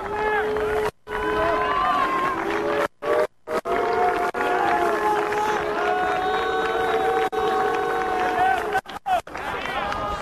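A stadium crowd at a football match roars and applauds steadily as a player of Apollon Kremmydiou is substituted off, with sustained chanting tones rising over a dense, loud wash of noise; the sound cuts out briefly several times.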